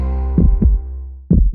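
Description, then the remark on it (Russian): A heartbeat sound effect in a radio advertisement for heart drops: two deep lub-dub double thumps in quick succession over a steady low hum, with no voices. “Ощущаешь тяжесть в сердце, учащенный пульс?”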